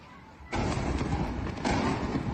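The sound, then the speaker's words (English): Two heavy, booming explosions in quick succession from U.S. military strikes on the city of Bandar Abbas, Iran, each hitting suddenly and leaving a dense, roaring rumble that hangs on without fading, heard over a low background hiss with no voices. “This footage shows explosions in the city of Bandar Abbas, home to Iran's largest commercial port.”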